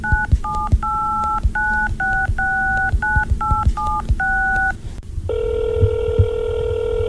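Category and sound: signal or alarm, telephone keypad dialing tones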